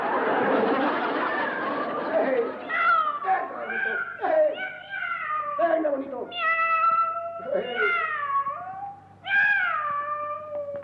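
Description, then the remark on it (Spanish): A cat yowls harshly and then lets out a rapid string of loud meows, about seven in a row, each one a drawn-out, falling cry. “¿Cómo araña el gato a tu papá?”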